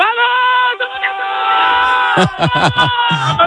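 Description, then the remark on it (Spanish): Eldense football fans, filling the pitch in Elda to celebrate promotion, roar in a loud, sustained cheer that holds steady for a couple of seconds, then breaks into short rhythmic chanted shouts, about four quick bursts in a row. “Unos gritos animando al Eldense.”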